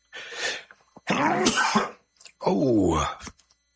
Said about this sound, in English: I had to sneeze.